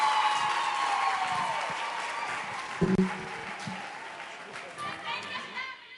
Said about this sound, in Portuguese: Uma forte salva de palmas à nossa mãe, Ivete Alane, Ministra do Trabalho, Gênero e Ação Social.